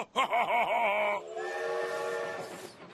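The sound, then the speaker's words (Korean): A wavering, warbling tone gives way to a steady, sustained, loud train whistle blast from a train that will not stop, with no one speaking. “기차가 멈추질 않아.”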